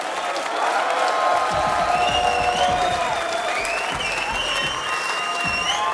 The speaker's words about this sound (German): Applaus für alle Mitwirkenden.